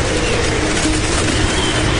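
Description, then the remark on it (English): A tornado's roar, heard from inside a storm shelter, like a loud freight train bearing down: a dense, steady rumble that fills the whole two seconds without letting up, powerful, with no voices. “It just sounds like this really loud train coming through.”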